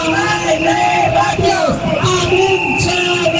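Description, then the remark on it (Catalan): A crowd of protesters chants slogans for higher salaries and lower student ratios loudly in unison, many raised voices shouting together in a steady, continuous stream. “Al llarg de l'últim curs escolar hem sentit en força ocasions aquests crits.”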